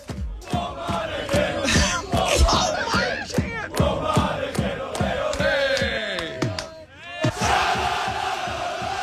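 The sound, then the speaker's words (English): A large crowd of Australian football fans chants and shouts in unison inside a Walmart store right by the stadium, rhythmic bursts of many voices with claps or stomps, loud and echoing, swelling into a sustained roar near the end. “What country were they screaming and singing about Walmart?”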